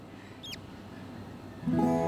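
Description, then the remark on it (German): A single brief, high-pitched peep of a Spix's macaw chick inside its egg, which a person has taken out and holds to their ear, sliding downward in pitch, soft against quiet background noise; a low humming voice begins near the end. “Und jetzt hat es gerade gepiepst.”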